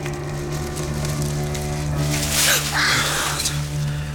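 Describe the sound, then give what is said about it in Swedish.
A fox rustles through bushes, a brief burst of crackling leaves and twigs rising midway, set against a low, steady humming drone. “Det var någon som rörde sig i buskarna.”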